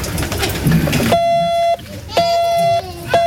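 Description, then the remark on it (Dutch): After a moment of murmured voices and noise, three long, steady electronic beeps sound at a single mid pitch, each about half a second, separated by short, even gaps like Morse dashes, keyed by pressing a small Morse code device to begin spelling a name with the letter O. “Hoe werkte dat dan, die morsecode? Nou, je moest gewoon met dat apparaatje zo piep, piep doen.”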